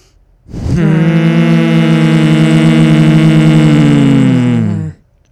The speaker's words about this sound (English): we breathe out, we're going to make a really big push of air, a very loud hum through our nose, pushing the air out of our nose. Try to make it even shorter, like you're just... trying to vibrate, making almost a buzzing bee sound out of your nose.